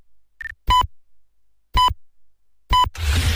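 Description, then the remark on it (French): Radio time signal marking 5 o'clock: a short faint tone, then three loud, sharp electronic pips spaced about one second apart, before a noisy burst of broadcast sound cuts in right after the last pip. “Quatrième top, il sera 5h.”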